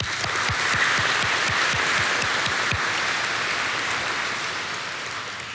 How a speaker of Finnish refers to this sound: Eiköhän anneta aplodi koko porukalle.